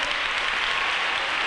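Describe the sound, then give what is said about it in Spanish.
An audience applauds the Lord loudly and steadily, a dense wash of many hands clapping at once with no pauses and no voices standing out. “Dele un aplauso al Señor. No, pero bien fuerte.”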